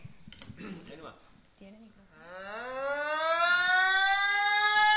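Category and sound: vocal imitation, voice imitating a siren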